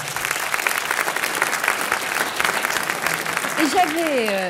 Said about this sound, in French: Ça mérite un petit applaudissement.